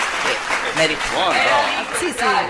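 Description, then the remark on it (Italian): Audience applause, a steady wash of clapping lasting a couple of seconds, with voices talking and calling out over it. “Scusa, un momento, l'applauso, perché esci...”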